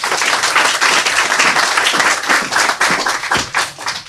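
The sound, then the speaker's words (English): A crowd applauds an author before a reading, many hands clapping in a dense, continuous patter that holds loud for about four seconds with a few sharper individual claps standing out. “Let's clap it up for author”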